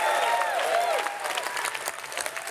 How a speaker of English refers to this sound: And there ends the party conference speech from Sir Ed Davey, leader of the Liberal Democrats, as he takes the applause in the hall there in Brighton.